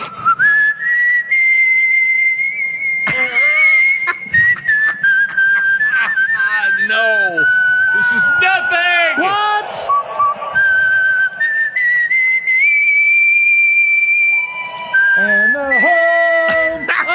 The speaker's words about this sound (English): Who judges the National Whistling Championship? And then how do you get in front of a major league, especially in Baltimore, and not get booed out of the stadium?